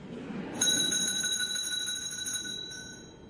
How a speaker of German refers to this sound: Es läutet. Da kann ich Sie beruhigen, Herr Direktor. Das liegt nur daran, dass wir eine Glocke haben. Das ist nichts besonderes.